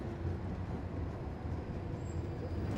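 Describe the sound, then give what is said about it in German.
Steady low rumble and rattle of a tram heard from inside while riding, a continuous moderately loud drone with faint higher squeals, no talking. “In dieser Straßenbahn ist vielleicht vor 100 Jahren auch schon Luisas Urgroßvater mitgefahren.”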